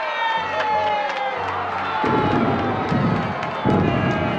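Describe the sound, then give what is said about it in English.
A large crowd of people packed on boats filling the Hudson in New York cheers and shouts continuously while deep cannon salute booms thud repeatedly underneath, a loud, busy festive din with sharp bangs scattered throughout. “The Hudson was filled with boats of all kinds, packed with cheering people.”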